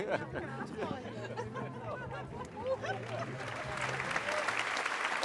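An audience at a Roncalli circus show applauds steadily, a dense wash of clapping with murmuring voices and a low hum underneath, the clapping swelling a little louder toward the end.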